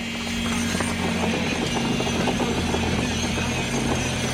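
A steady, loud mechanical hum in a hall as electric hand vibrators, thick metal rods, compact clay from the mixer into wooden grids for the first element, with a strong low drone and a busy rattling, clattering texture running through it without pause. No one speaks.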